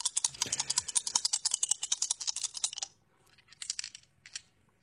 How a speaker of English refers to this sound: How long does it take to throw those dice? I mean, just tumble them and throw them. Don't take forever.